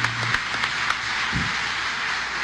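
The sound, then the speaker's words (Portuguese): A crowd at a religious service applauds a name steadily, a dense wash of many hands clapping at an even loudness for the whole stretch, with a few sharper claps standing out and no voices. “E aplauda esse nome, porque nesse nome tem poder.”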